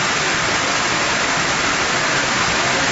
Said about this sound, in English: Stormwater cascaded through buildings and submerged cars and railway tracks.